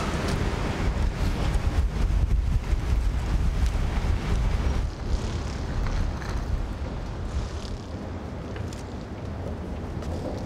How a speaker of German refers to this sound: Inzwischen Windstärke 10. Bedingungen, unter denen Häfen an der Nordsee geschlossen werden können. Sicheres Anlegen und Abfahren ist auch im geschützten Hafenbereich jetzt nur noch schwer möglich. Naja, merkt ihr ja selber, Wind.